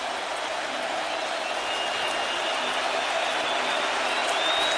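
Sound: stadium crowd roaring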